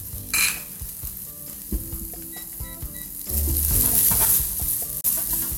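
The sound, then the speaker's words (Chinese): Rice is stir-fried in a wok, with a steady sizzle and repeated scraping and tossing strokes of a spatula. The sizzle swells louder and hisses more brightly in the second half. “对对对对，炒饭就是一个很好清冰箱的一个料理。”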